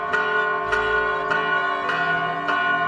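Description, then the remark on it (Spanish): A church bell tolls steadily at midday, striking about every 0.6 seconds with rich, ringing overtones that hang between strikes; the sound is loud, with no talking. “ya es mediodía y las campanas nos invitan a detener un momento nuestras labores para hacer oración recordando cuando el ángel le anunció a la Virgen María que ella era la elegida para ser la madre del Mesías.”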